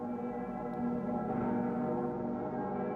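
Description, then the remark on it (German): A large bell of Cologne Cathedral (Kölner Dom), Germany, rings for the World Youth Day mass with a deep, sustained, resonant hum, its layered overtones swelling and lingering steadily for a few seconds without any voices. “Bei der Messe zum Weltjugendtag dürfen die Stimmen der Glocke im Kölner Dom nicht fehlen.”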